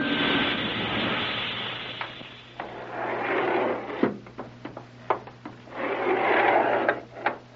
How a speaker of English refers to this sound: Hey, wait a minute. Sounds like another elevator coming.